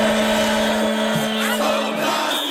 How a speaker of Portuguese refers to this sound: Pneus de carro cantam.